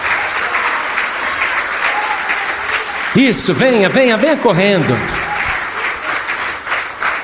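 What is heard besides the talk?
audience applauding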